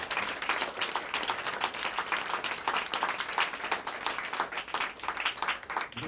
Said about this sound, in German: Vielen herzlichen Dank fürs in die Hände klatschen. Freut mich.